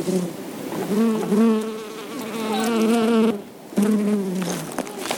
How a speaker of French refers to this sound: On a vu des abeilles, on a approché le micro d'eux, ça a fait bzzz et voilà. Enregistrement d'abeilles.